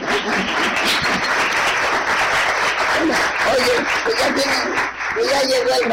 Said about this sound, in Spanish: Vamos a repetir el aplauso en un momento más.